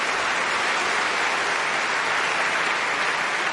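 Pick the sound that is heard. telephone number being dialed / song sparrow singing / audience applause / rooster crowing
audience applause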